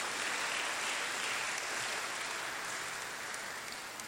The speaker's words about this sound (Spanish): ¿Dónde se encuentra? Si está aquí con nosotros, ahí está nuestro hermano, démosle un fuerte aplauso también.